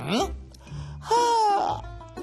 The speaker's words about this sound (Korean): 이렇게 입을 크게 벌리고 하품을 하면 얼굴 근육이 움직이면서 여기 눈물샘을 자극하고 눈물을 퍼올려서 눈에서 눈물이 나게 되는 거야.